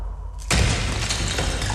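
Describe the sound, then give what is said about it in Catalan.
A quiet low hum gives way to a sudden, loud crash as a thrown stone shatters a large clay jar inside a cave, followed by a dense, sustained clatter of breaking pieces that lasts over a second. “llança una pedra en una de les coves i sent el soroll d'alguna cosa que es trenca.”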